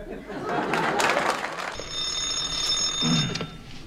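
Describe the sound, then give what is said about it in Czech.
A telephone bell rings with a steady, shrill, continuous tone, starting partway through after a burst of clattering noise, and carrying on fairly loud to the end. “Ano, u telefonu dispečer Kňourek.”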